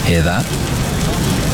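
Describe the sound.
Steady crackling sizzle of traditionally matured, rich, smoky, spiced pepperoni frying on a Papa John's pizza, loud, a continuous hiss with fine popping that starts right after a brief spoken question and carries on alone.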